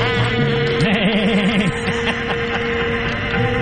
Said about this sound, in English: You know what's funny is the best sound effect ever. I think I made that sound effect because there is an actual avalanche alarm. I don't think it sounds like that.